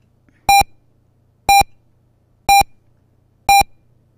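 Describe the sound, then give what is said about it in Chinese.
Four identical short electronic beeps, one per second, clear and loud, forming a radio hourly time signal marking 17:00 Beijing time, with only a faint low hum between pips and no talking. “北京时间17点整，新海源钟表提醒您准确对时。”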